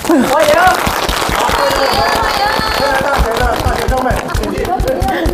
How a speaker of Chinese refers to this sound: 接下来，我们掌声有请今天的评委入场。